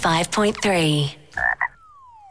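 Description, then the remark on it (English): A frog croaks loudly in a few drawn-out, throaty calls in a UBank home loan radio advertisement, followed by a couple of short chirps and a thin, fading whistle-like tone. “Hey, what does a frog know about money?”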